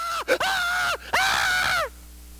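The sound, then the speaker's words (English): A man's voice imitates a frightened scream: a short gasp, then two loud, drawn-out wailing cries, the second longer and trailing off into quiet. “Boy, I believe the young man up on the squam going to scream.”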